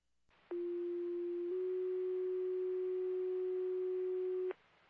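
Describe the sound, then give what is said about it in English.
Fire dispatch alert tones for Argyle Fire, call Argyle 625, play as two loud, steady electronic tones in sequence: a short one lasting about a second, then a slightly different pitch held for roughly three seconds. No one speaks. “Argyle Fire, disregard your tones for the Argyle 625.”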